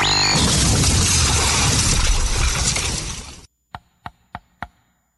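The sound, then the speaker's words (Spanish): A loud, dense burst of noise cuts off abruptly, followed by four sharp, evenly spaced knocks on the door of a house by friends arriving to celebrate a saint's day. “¡Abre la puerta!”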